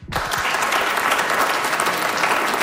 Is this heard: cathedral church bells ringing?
no